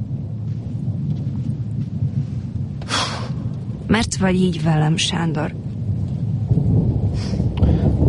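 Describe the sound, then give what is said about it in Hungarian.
Steady heavy rain pours throughout with a low rumbling thunderstorm underneath, while a person speaks briefly in the middle over the downpour. “Itt nem esik az eső.”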